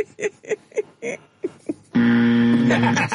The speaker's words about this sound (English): What a buzzer, no less.